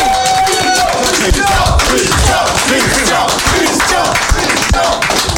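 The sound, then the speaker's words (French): A crowd applauds loudly and steadily, dense clapping filling the whole stretch, with cheering and shouting voices mixed in throughout. “Merci, on l'applaudit bien fort, s'il vous plaît.”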